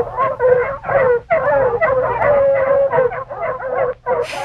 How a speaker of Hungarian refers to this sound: Arra ébredt, hogy a távolban égtelenül ugattak a kutyák. De egy egész csomó kutya lehetett, és hol közelebb, hol távolabb hallatszott a hangjuk. Valamit hajszoltak.